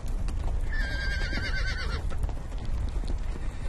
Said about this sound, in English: The nomads plan to choose a horse to be trained today. The horse has to be trained to be used as a steed.